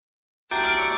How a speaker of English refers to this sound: This summer, experience the sound of bells across the city. Yorkminster Park Baptist Church presents its free Summer Carillon Recital Series.